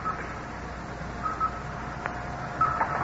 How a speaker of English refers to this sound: Listen to the blips on the radar screen. Yes, speeding up as she comes closer.